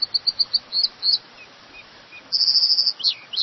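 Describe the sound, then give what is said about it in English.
An American dipper, a lively little riverside bird, sings clear: bright, high repeated notes in quick bursts, a short pause, then a rapid rolling phrase over a soft, steady rushing background. “As the river ran free again, salmon from the Pacific were able to spawn upstream for the first time in 100 years, having a dramatic impact on American dippers, lively little riverside birds.”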